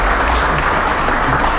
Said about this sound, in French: Voilà, je veux bien que vous l'applaudissiez.